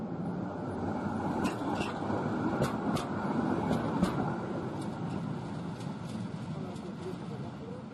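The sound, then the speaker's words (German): A historic tram rumbles steadily along the rails in Warsaw, shuttling late at night for the city's Museum Night, with a continuous low roar and sharp metallic clicks and squeals punctuating it. Voices murmur faintly underneath. “Bis gegen 1 Uhr in der Nacht pendelten die historischen Bahnen zur Warschauer Museumsnacht.”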